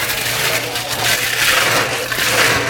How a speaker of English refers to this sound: It's a blended drink. Okay. So we put some ice in the blender.